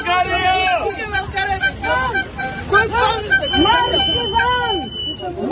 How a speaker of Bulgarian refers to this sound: Протестиращи пробиха охраната и стигнаха до портала на базата с възглас и оставка.